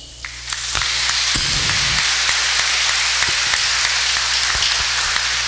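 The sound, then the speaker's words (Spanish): An audience at a Sunday church Mass breaks into sustained applause for new parents who have come to baptize their children, a dense wash of many hands clapping at steady loudness, with a few sharper individual claps standing out. “Los saludamos, les expresamos nuestro cariño con un aplauso.”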